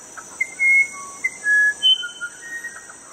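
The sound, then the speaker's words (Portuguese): A bird call whistle sounds a string of clear, steady whistled notes, some short and some drawn out, in an uneven birdlike pattern over a constant high-pitched buzz. “Estamos à disposição para fazer a piação.”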